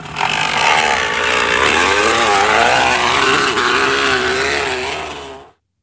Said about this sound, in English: It's actually a kid who's put a crunched up can or water bottle in the back tire.